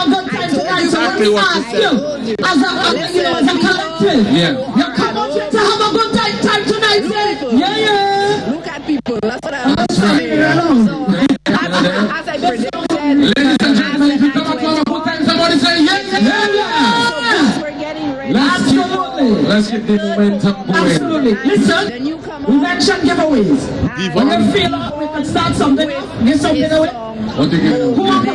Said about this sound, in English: Have you noticed how the crowd has grown?